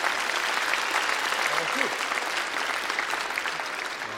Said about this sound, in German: Nochmal einen Applaus für unseren Pauker, bitte.